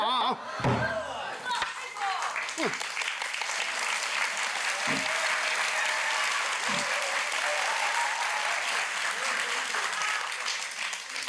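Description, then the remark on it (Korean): An audience claps steadily throughout, a dense, sustained wash of applause with a few sharper thumps near the start, loud and continuous for about eleven seconds. “박수를 자주 치면 건강에도 좋다고 합니다.”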